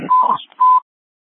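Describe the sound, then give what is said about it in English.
Two loud, steady electronic beeps at the same mid-high pitch, the first longer with some static or noise beneath it, the second shorter, separated by a brief gap, then silence. “there's some beeping in the background.”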